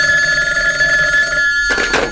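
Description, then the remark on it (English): A bedside telephone rings loudly at night in a 14th-floor apartment in Midland City, a sustained bright electric bell tone that cuts off abruptly near the end with a brief clatter. “Helfinger, secretary to the police commissioner of Midland City, is awakened by the urgent ringing of her bedside telephone.”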